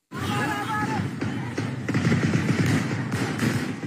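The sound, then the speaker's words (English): Rapid bursts of gunfire from fighting in the Tigray region of northern Ethiopia crackle through a dense, noisy background, the shots running together in quick rattling volleys that grow busier midway, with indistinct voices blended into the din. “You're going to hear gunfire in this next clip here.”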